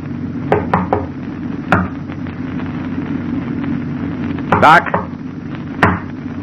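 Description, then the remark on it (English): Several sharp knocks on a locked door, spaced irregularly, with a louder burst of raps near the end, all over a steady low mechanical hum. “Ah, the door's locked. Open up, Doc, it's us.”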